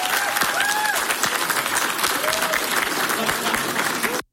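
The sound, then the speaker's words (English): Steady applause from an audience for a rival candidate who did not make the runoff, a dense wash of clapping at a constant loudness for about four seconds before cutting off abruptly, with a few faint voices or whoops mixed in. “And like I said with the other, I would encourage you to applaud her.”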